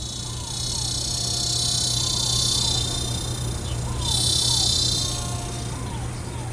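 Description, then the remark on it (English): Cicadas drone in a dense, electric buzz that runs throughout, swelling louder midway, with faint, repeated short chirping calls and a low steady hum underneath. “And the cicadas, electric and itchy, their insistent drone a backdrop to the crescendo of this iron horse.”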